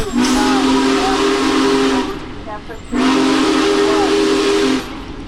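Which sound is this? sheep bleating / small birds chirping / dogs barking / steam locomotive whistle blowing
steam locomotive whistle blowing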